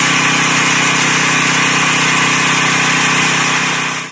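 A steady, loud mechanical whine and hum from an agricultural drone's rotors as it sprays insecticide and fungicide over a grain farmer's corn on the morning of August 18 in Shuanggou Town, Qiaocheng District, holding a constant pitch for about four seconds before cutting off, with no voices.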